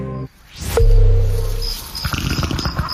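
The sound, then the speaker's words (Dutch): A cartoonish dinosaur fart sound effect: a quick rising whoosh, then a loud, long, deep buzzing blast that fades into a rapid sputtering flutter. No one speaks. “Hoorde ik nou een scheet van een van die dino's?”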